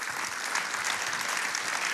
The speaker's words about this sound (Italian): La salutiamo col nostro applauso, Chiara Becchimanzi.